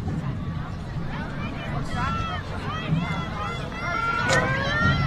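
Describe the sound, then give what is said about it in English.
Richlands football players break the huddle before a third-and-10 play, picked up by a parabolic crowd mic: overlapping male voices murmur and call out over steady crowd noise, rising toward the end with a brief sharp burst near the finish. “Break the huddle, as you can hear there, in our parabolic crowd mic.”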